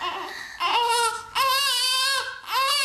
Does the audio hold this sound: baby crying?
yes